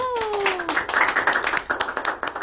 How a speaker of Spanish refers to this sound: Y aquí nos acompaña, aparte del invitado del día de hoy, dos nuevos chicos que se están incorporando al equipo de Ciencia para Llevar. Así que les pedimos una bienvenida, un aplauso.